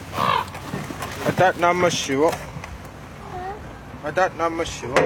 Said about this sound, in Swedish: Det sitter korpar här uppe på hustaken och tittar ner på mig.